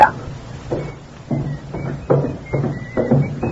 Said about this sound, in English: Look, if you put up that rope so the man would trip down the stairs, what do you need my uncle's gun for? Just in case the fall don't knock him out.